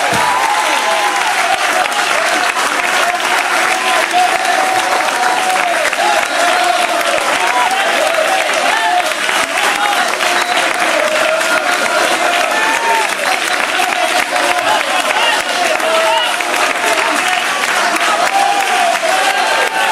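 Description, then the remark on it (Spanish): A large church audience claps steadily and loudly for the full stretch, dense overlapping applause with a faint murmur of voices beneath, sustained without a break. “pueden aplaudir, le voy a dar un minuto para acabar.”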